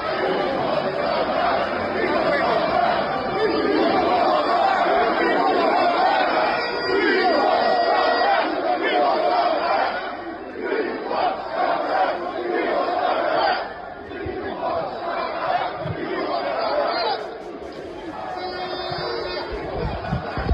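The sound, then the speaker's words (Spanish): A large crowd of protesters shouts and chants together in the street in London at a weekend demonstration, a dense, steady roar of many voices with rising surges of yelling that stays loud throughout. “Esto es parte de lo que gritaba la gente en Londres el fin de semana.”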